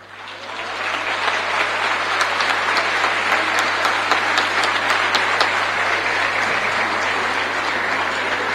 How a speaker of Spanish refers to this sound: Fuerte el aplauso para los guasos del Algarrobal